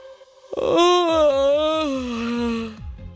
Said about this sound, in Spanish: Ay, ¿sabías tú que bostezar es contagioso? ¿Quién bostezó? Aparte de mí, ¿quién más bostezó por allá detrás del micrófono?